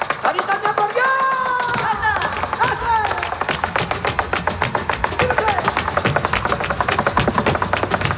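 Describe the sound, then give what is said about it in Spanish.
Flamenco heel tapping (taconeo) by dancer Sara Varas: a fast, dense barrage of sharp percussive strikes that keeps up a steady, driving rhythm for the whole stretch, with a brief sung or called voice near the start. “Segundo ejemplo, el taconeo de Sara Varas.”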